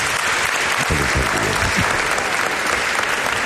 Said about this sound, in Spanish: Pero si te han aplaudido espontáneamente antes de que entraras, a veras. No, hemos entrado todos.